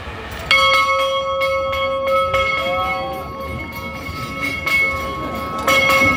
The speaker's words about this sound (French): Je vous invite maintenant à faire silence pour essayer d'entendre retentir cette cloche.